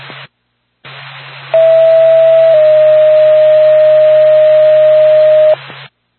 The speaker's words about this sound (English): Back to Lancaster Ambulance, stand by for tone.